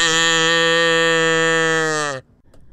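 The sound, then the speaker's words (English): A single long, steady moo from a cow named Latte after a 3-2-1 countdown on a WCLV program, loud, holding one low droning pitch for about two seconds before cutting off into near silence. “Latte will moo. You will moo with her.”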